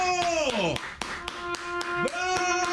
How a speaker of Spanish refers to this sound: Déjale aplauso eso, maldito maestro. ¡Bravo! ¡Bravo!